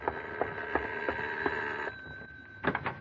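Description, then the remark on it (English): A doorbell rings insistently at 4 a.m. as a visitor leans on the bell, a bright, steady tone pulsing at a quick regular rhythm, briefly stopping, then jangling again in a rapid burst. No one speaks. “Ah, sorry to lean on the bell like that”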